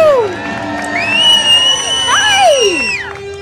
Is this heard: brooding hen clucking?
no